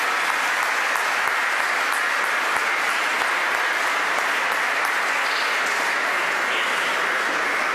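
Sustained audience applause, a dense, steady wash of many hands clapping at a fairly loud, even level throughout, with no voices standing out above it.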